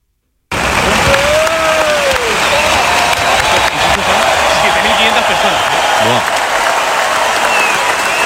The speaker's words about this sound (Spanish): Y bueno, de Buskovic fue recibido de esta manera el futbolista croata del Hamburgo para recibir a sus aficionados y recibir el cariño de su público. Escuchamos la ovación.